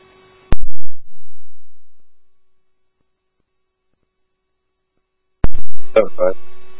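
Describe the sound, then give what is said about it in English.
A crackly radio channel keys up with a sharp click and steady electronic hum, falls silent, then keys up again as warbling, pulsing fire dispatch alert tones page Oakdale Station 1 to 7709 44th Street North over the static, time of page 1851. “Oakdale Station 1, I hear your tones for 7709 44th Street North.”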